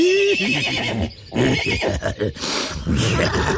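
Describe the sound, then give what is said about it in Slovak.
A horse lets out a loud neigh, a long quavering whinny that rises and then shakes downward in rapid pulses, with a brief pause before the whinnying trails on. “A doktor sa rozrehotal ako taký kôň.”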